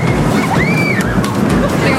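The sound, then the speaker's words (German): A rushing, rumbling roar of the Cobra roller coaster as it sets off, with riders raising their arms and high-pitched screams rising and sliding over it, one long scream standing out in the middle; a decibel meter measured the loudest screaming at 93 decibels. “Der Dezibelmesser sagt, das lauteste Gekreische liegt bei 93 Dezibel.”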